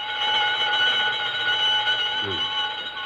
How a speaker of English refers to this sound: That burglar alarm on Bernstein's first door. It always goes haywire at 7:32. Been doing it for years.